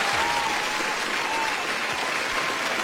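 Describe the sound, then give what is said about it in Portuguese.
A dense, steady patter of sharp clicks and snaps from many Samsung foldable phones being flipped open and shut at once, blending into a sound much like a crowd applauding; the audio of a Samsung advert. “Que é, são vários telefones da Samsung, daqueles que dobram, a abrir e fechar como se estivessem a bater palmas.”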